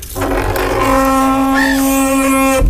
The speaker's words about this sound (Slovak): Tak poďme otvoriť dvere dovnútra toho domčeka.